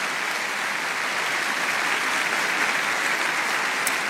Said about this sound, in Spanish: Dale un aplauso a Dios porque Dios es bueno.